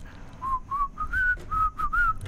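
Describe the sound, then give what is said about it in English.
A person whistles a short melodic song tune in a studio, a series of clear sustained notes with small pitch shifts, moderately loud with no talking. “I do know what it is, but to be fair, I've been in the studio with him, so he told me what he was whistling.”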